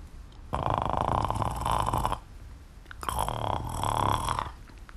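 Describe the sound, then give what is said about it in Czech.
A voice imitates a snore-like throat gurgle in two long rattling bursts, each lasting over a second, with a brief pause between them and no speech, demonstrating how to start a dog's bark by drawing a deep breath and gurgling inside. “Zhluboka nabereš dech a začneš s ním tam uvnitř trochu jakoby klokotat.”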